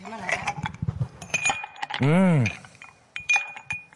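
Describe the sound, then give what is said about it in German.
Ice cubes dropped by hand clink against a glass in a series of sharp taps with a brief ringing tone, interrupted midway by a short gliding vocal sound. “Mit gerade frisch desinfizierten Händen mache ich dir einen Eiswürfel ins Gesicht. Das klingt gut, ja, Eiswürfel.”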